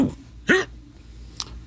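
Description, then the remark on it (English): A sharp, sudden drunken hiccup opens a phone message, a short voiced gulp with a rising pitch, followed by a fainter second catch a moment later over a quiet background. “He starts the message with a clear drunken hiccup.”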